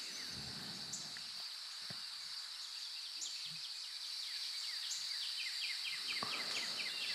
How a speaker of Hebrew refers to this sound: אז אנחנו נתחיל ככה עם איזשהו, נתחיל את המסע אולי ככה ביער. בואו נראה מה הולך. לך פה. קצת עם צלילים של ציפורים.